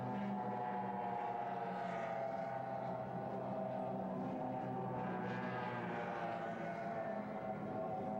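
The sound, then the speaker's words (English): Offshore racing powerboats roar loudly during the first of two six-lap, almost 30-mile heats of the 1994 National Offshore Championship in Galveston, Texas, their engines blending into a dense, steady droning growl that holds for the whole stretch, with no voices over it. “As we said, half of the points that these boats accumulate in these two heats will go towards the final event in this 1994 National Offshore Championship here in Galveston, Texas.”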